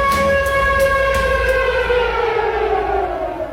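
A loud air raid siren wails steadily, broadcast on the VPRO radio programme Het Gebouw, its harmonic tones slowly sliding downward in pitch as the sustained blare begins to fade toward the end, with a low rumble underneath and no voices.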